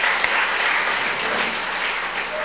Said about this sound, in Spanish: Otros que trabajan en Estados Unidos, por Jefferson López, que cumplió 3 años también en San Francisco. Otro aplauso para este muchacho, Jefferson.